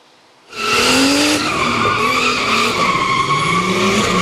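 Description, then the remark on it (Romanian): After a brief quiet moment, a loud burst of screeching tire skids kicks in with a roaring, revving tuned car engine, sustained and gliding in pitch until the end, during a tuned-car demonstration in Maramureș. “Motoare turate, cauciucuri încinse și multă adrenalină.”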